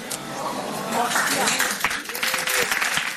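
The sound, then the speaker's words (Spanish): An audience in the hall at the Sitges fantastic film festival announcement claps steadily in a dense, continuous, loud patter, with scattered voices and a few cheers mixed in, applauding the news that Danny DeVito will come to Sitges. “Podeu aplaudir.”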